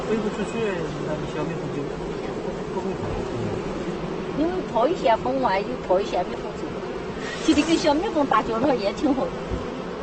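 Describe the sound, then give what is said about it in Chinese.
A dense, steady drone of honeybees buzzing around more than 100 hives at an apiary holding over 5 million bees fills the whole recording, continuous, with a voice rising briefly above the swarm partway through. “蜂农放养了100多个蜂箱，整个蜂场差不多有500多万只蜜蜂。”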